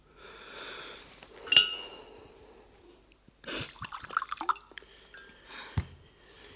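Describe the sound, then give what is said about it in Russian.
Water runs steadily into a glass for a few seconds, then stops, followed by clinks and splashy handling sounds. No one speaks. “Слушай, дай мне воды, я весь день не пила.”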